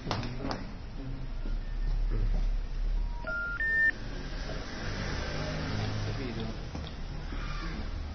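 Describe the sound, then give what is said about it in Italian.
A mobile phone dials a number to check whether the line rings free: a quick run of short keypad tones rising in pitch, heard clearly over a steady low rumble like a moving car, with faint voices in the background. “Ma perché devo fare lo squillo? Per vedere se effettivamente va libero. Se squilla?”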